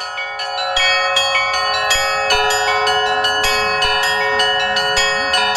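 Church bells in Yaroslavl are rung continuously and loudly by a bell-ringer, with rapid overlapping strikes layered over a sustained metallic hum, forming a dense, clangorous peal with no voices present.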